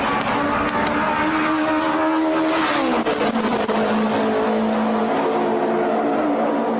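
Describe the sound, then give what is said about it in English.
A loud piston race car engine, Andy Granatelli's Novi at the Indianapolis Brickyard in the 1960s, the loudest car in Gasoline Alley, roars continuously, its harmonic tone sliding down in pitch around the midpoint as it shifts, sustained throughout with no voices. “STP had segued to the sound of silence, going from having the loudest car in Gasoline Alley to the quietest.”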